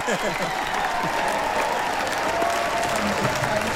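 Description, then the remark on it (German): A large crowd at a Swiss wrestling (Schwingen) event cheers and claps steadily, a dense roar of applause with raised voices and whistling that holds loud and unbroken throughout. “Jetzt gerade riesen Jubel gerade noch, ja.”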